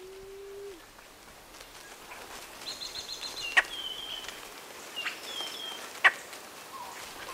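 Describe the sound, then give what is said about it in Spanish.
A Blue-headed quail-dove (Cuban quail-dove, Starnoenas cyanocephala) in Cuba gives a single low, soft, steady coo at the start, followed by faint high-pitched chirps and a few sharp clicks over quiet forest ambience. “Canta o cuchichea la paloma perdiz cubana. Nombre científico, Starnoenas cianocéfala.”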